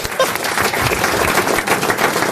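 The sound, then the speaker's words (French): An audience bursts into steady applause for a man who has just come back from urinating, a dense, loud wash of many hands clapping at once, sustained throughout without any talking over it. “c'est un plaisir d'être applaudi juste parce qu'on a pissé.”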